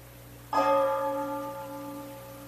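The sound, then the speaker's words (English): A single deep bell strike rings out after a brief hush, marking 12 o'clock, its bright metallic tone humming on and slowly fading, with no voices present. “It's 12 o'clock all over again, isn't it”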